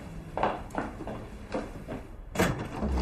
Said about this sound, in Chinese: 来了，开门。